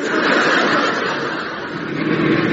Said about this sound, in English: Ah, look. There's a car coming along. Let's give it a hand.